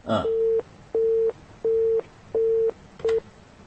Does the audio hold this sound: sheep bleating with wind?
no